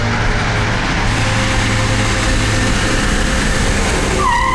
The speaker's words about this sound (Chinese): 这时候哪来的军车？